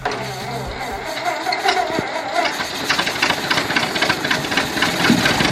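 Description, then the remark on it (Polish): The old engine of an old car being started on the radio show Polskie Radio Kierowców. It turns over with a rough, rhythmic chugging and needs a second crank before it catches, then settles into a loud, steady rattling run. No one speaks. “Dobrze, jeszcze raz posłuchajcie tego samochodu. Uruchamiamy silnik.”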